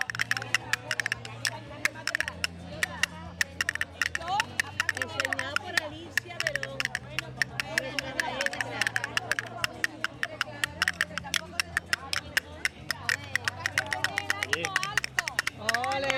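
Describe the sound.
Castanets clatter in rapid, sharp bursts of clicks throughout, over a low sustained musical drone, with a murmur of voices in the background.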